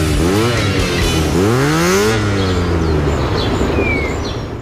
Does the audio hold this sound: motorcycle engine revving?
yes